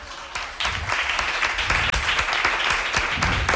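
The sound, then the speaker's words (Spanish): A burst of audience applause at a plurilingual school starts up quickly and holds steady, many hands clapping in a dense, continuous patter with no voices standing out, after a sixth-grade pupil says a phrase in Chinese. “¡Un aplauso!”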